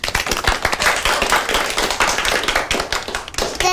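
An audience applauds to welcome a child about to recite a classical poem, with dense, steady clapping from many hands, sustained and fairly loud throughout, with no voices, ending in a brief rising whistle-like tone.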